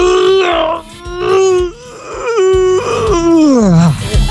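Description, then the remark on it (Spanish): A person lets out a long, drawn-out groan like a big stretch, voiced in several wavering pushes with brief breaks, then sliding down in pitch at the end. No words, just the one voice. “Alguien que se está estirando, muy bien.”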